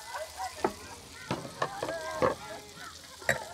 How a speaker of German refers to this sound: Da kocht schon, die Bällchen sind heiß.